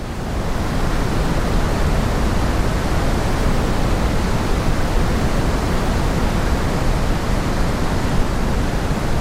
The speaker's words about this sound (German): Pink Noise oder eben rosa Rauschen klingt so.